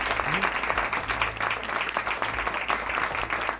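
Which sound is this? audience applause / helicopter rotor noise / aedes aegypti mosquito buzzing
audience applause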